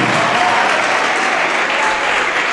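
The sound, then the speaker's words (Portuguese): A large audience applauds steadily as more people arrive, a dense, sustained wash of clapping at full volume with no pauses. “Está chegando mais, vamos aplaudir, está chegando mais.”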